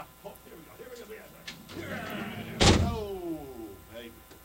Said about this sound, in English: Hey, big ass door. Did you see the big ass door over there? Oh my God.